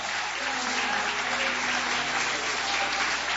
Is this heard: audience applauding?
yes